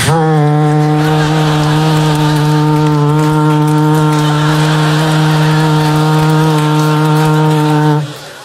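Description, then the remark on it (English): An alpenhorn sounds one long, low, steady note, loud, held for about eight seconds before it cuts off. No one speaks. “Why, I've hammer-tuned my Alpenhorn.”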